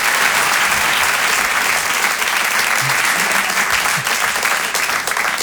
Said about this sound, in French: je vous demande un tonnerre d'applaudissements également pour